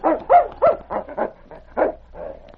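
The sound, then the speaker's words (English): A husky named King whines and barks while scratching at the door of a shack in a canyon, a quick, uneven string of about eight short, high, yelping cries with whimpering tones between them, fairly loud and with no one talking. “Then he began to whine and scratch at the door.”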